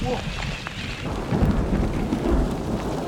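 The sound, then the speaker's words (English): Steady heavy rain hisses across a broad band while low rumbling thunder rolls underneath, swelling slightly in the second half. No voices, just the continuous wash of a storm. “On est en train de se choper un petit orage.”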